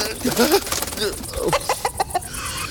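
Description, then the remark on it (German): A chicken clucks, starting with a few squawky, fluttering calls and then settling into a quick run of short, evenly spaced clucks that fade off. “Schuh hoch, Huhn runter.”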